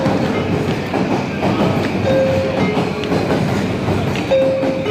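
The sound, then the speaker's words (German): A train rumbles steadily at Shinjuku Station in Tokyo, the world's busiest station, with a dense, continuous roar and faint rhythmic clatter, while brief high-pitched tones ring out twice over the busy station din. No one speaks. “Der Bahnhof Shinjuku in Tokio, der verkehrsreichste der Welt.”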